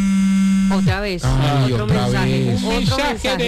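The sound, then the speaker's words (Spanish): A mobile phone set to vibrate buzzes with a steady, loud electric buzz for about a second as a text message from the DIAN arrives, then stops as a person starts talking. “Otra vez, otro mensaje. Un mensaje de la DIAN. Déjelo en vibrador.”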